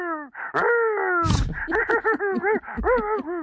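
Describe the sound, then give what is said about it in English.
A dog whines and groans in a string of drawn-out, wavering moans with a sharp huff in the middle, fairly loud, the vocalizations rising and bending as they go on. “Oh, he sounds poor all right. Guy. He's excited at the end there, though, I think.”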